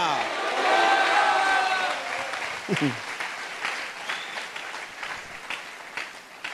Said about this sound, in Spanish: Dele un aplauso tote fuerte al Rey de Reyes. Diga gloria a Dios ahora. Pegue un grito y diga aleluya.